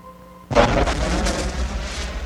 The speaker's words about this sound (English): Now that sphere's creation continues as countless volcanoes spew clouds of gas and steam into the sky from melted mineral formations.